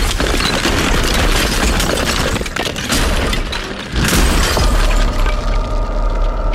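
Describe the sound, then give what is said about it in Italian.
Loud, dense smashing and crashing as something is struck with a hammer and broken apart, with harsh clattering debris throughout and a couple of sharper impacts standing out. No voices. “Bene, tira una martellata, intanto questa gobbona di 2 metri.”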